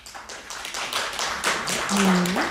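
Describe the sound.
A crowd claps in a dense, steady patter of many hands, building slightly louder toward the end, with a faint voice-like tone rising briefly near the close; the audience claps to vote on which paintings are the artist's.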